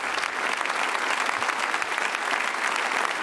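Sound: audience applause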